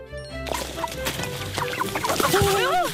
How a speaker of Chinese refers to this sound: 哇，来了，哇，这是只公鸡。我们用公鸡炖汤吗？